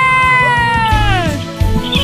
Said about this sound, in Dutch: Een kat die miauwt, die maakt natuurlijk niet die andere geluiden.